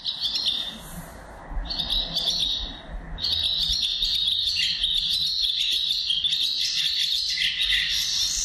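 A barn swallow sings a rapid, continuous twittering and chattering song, fairly loud, with short breaks near the start before it runs on steadily to the end.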